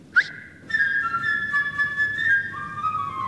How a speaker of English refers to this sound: And each character is represented by a different instrument. First, the bird. He is represented by a flute.